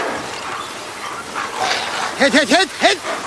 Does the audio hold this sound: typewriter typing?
no